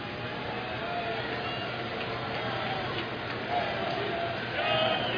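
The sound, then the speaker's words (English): A Brewers baseball stadium crowd cheers for batter Yelich in a steady, dense roar, swelling slightly louder twice toward the end, with no single voice standing out. “Brewers crowd trying to get Yelich into this one.”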